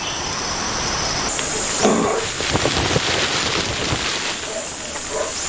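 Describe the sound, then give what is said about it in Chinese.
Steady, dense heavy rain, easing off, hisses throughout, with scattered heavier drips and patters, while a thin, high insect drone runs along on top. “猪笼草巧妙地利用了大雨，随着雨势的减弱，其他生物也有所收获。”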